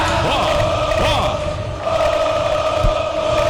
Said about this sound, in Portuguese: Aplausos da torcida do Boca Juniors porque vem o corte da defesa do Vasco, escanteio pro gol, torcida do Boca Juniors.